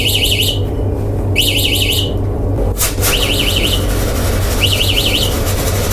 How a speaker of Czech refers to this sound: Zazněl alarm a z bílé krabice u stropu za pokladnou se začalo kouřit.